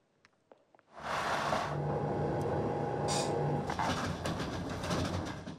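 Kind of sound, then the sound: vehicle, train running on rails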